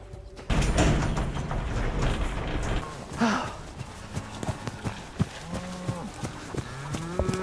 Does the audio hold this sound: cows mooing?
yes